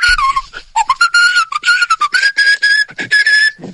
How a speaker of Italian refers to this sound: Allora, nel frattempo ci è arrivato un altro fischio per la gara di fischi.